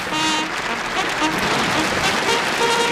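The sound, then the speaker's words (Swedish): A crowd applauds steadily for about three seconds, a dense, even wash of many hands clapping, with faint voices calling out underneath. “Det var nog en story som kräver en applåd.”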